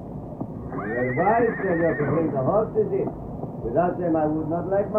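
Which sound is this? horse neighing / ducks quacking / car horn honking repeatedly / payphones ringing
horse neighing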